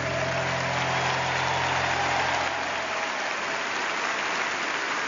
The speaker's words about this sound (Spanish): a ese aplauso más fuerte al rey.